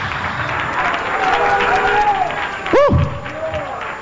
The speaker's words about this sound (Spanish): Hay un aplauso al Todopoderoso.